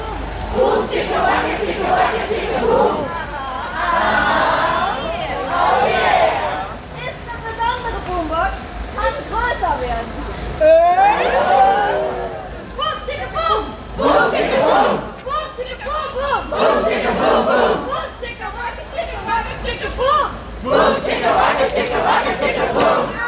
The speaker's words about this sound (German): Das ist der Sound der ersten Sitzblockade Richtung Hochheim, Zubringer der Auto, der Bundesbahn. Wir haben gerade gesprochen mit einer ganz besonderen Art des Protests. Sie sehen aus wie Clowns, sie haben bunte Klamotten an, rote Nasen.